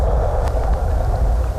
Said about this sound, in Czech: To slyšíte, borcení ledové kry. To se tu děje pořád.